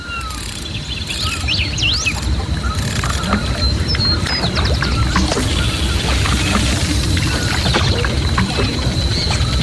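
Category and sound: nature, river water flowing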